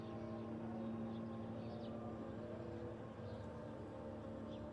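A small surveillance drone, known as an MK, buzzes steadily overhead, heard constantly during wartime bombardments, a constant droning hum with a tonal whine that never lets up, filling the background at an even loudness throughout.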